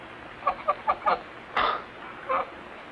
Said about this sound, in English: The strangest bird I ever saw.